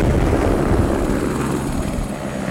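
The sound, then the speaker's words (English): A helicopter flies high above Juneau, Alaska, over the Mendenhall Glacier. Its steady, loud rotor thrum fills the air, a dense low-frequency beating with broad engine noise on top, sustained without a break. “From a helicopter high above Juneau, the ice unspools from the mountain like a frozen ribbon.”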